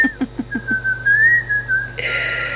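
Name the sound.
whistling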